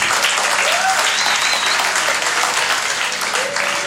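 Dense, steady applause from an audience as a woman is called up to the stage, a loud crackling wash of many hands clapping at once, with a few faint whistles rising above it.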